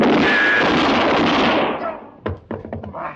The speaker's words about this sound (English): You shoot a hole in my hand. You're lucky it wasn't your head.